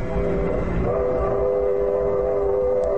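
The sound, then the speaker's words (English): A freight train rumbles along with a low, steady roar while a sustained whistle sounds in several stacked tones, shifting slightly in pitch before holding steady for the rest of the stretch. “How much longer we gotta hop these freights?”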